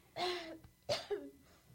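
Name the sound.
woman coughing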